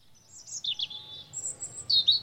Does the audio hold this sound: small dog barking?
no